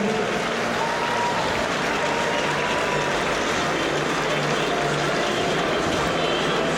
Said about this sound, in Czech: Tito trenéři mají na starosti přípravku, tak velký potlesk prosím pro naše druháky.